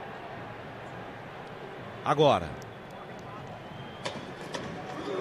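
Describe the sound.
Football fans in a stadium keep up a dense, steady crowd roar and chant throughout, with one voice calling out loudly for a moment and a few sharp claps or shouts later.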